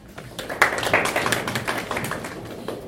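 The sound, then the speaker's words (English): An audience applauds a speaker at the end of a talk, a dense patter of overlapping hand claps that swells in the first second and keeps going steadily at moderate loudness, with no voices. “Good clap for Daktari for that.”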